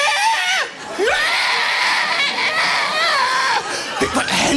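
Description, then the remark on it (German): A voice imitates the call of an ostrich running toward someone with its wings out, attacking: a loud, shrill, warbling screech that rises and falls in pitch, held almost continuously for several seconds with brief breaks. “Ich schaue die Strasse an und plötzlich taucht ein Strauß auf, Flügel draussen, rennt auf mich zu und das Geräusch einfach taucht auf mich.”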